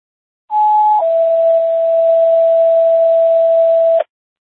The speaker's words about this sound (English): Station 1, how do you copy non-emergency tones?